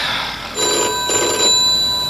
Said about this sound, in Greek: Και χτυπάει το τηλέφωνο.